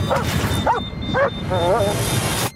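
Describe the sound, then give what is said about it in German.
A dog, Odin, gives several short yelping barks, then a drawn-out wavering whimper, over a steady rumbling background noise, while on board a plane in a storm over Alaska. “Hinterm Steuer sitzt James Belmont, langjähriger und bereits pensionierter Special Forces Soldat, der mit seinem Hund Odin an Bord ist.”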